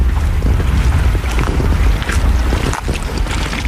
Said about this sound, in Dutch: Rustig kabbelend water hier van de Grevelingen aan de Brouwersdam.